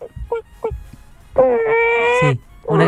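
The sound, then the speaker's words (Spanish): A voice imitates a sad chicken: a few short clucking bursts, then a long, steady, mournful moan. Another voiced sound starts right at the end. “Esta es una gallina con depresión.”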